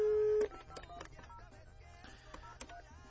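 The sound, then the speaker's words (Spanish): A loud, steady telephone tone holds for about half a second as a call is placed, then cuts to a quieter, busy stream of dialing beeps and layered tones with no talking; the line is busy. “Vamos a marcarle ya a este caso.”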